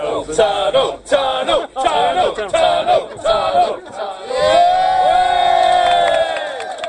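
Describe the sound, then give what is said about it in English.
An excited crowd of politicians, train enthusiasts and advocates packed into the carriages of the first train to travel through Auckland's City Rail Link from Otahuhu Station cheers and whoops as the new tunnel draws near, rising into a sustained, loud collective shout of many voices with chatter underneath. “Politicians, train nerds and advocates alike are crammed into the carriages, and as the new tunnel draws near, the excitement is bursting at the seams.”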